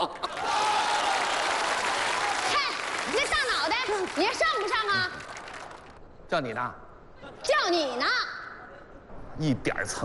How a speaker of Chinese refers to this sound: 哎呀，您瞧我这人缘混的，我都赶不上车了，这哥几个还鼓掌呢。